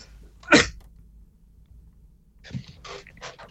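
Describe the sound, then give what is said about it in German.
One sharp, loud cough bursts out, and after a pause a few softer, rougher coughs or throat-clearing sounds follow over a low background hum. “Entschuldigung, meine Stimme sagt gerade, ich muss schnell husten.”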